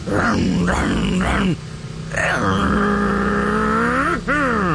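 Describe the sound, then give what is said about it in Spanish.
A voice mimics a motorcycle engine revving loudly: three quick rising rev bursts, a brief pause, then a long sustained drone that climbs in pitch near the end. “Imagínense al compadre, pero pisándole a la moto.”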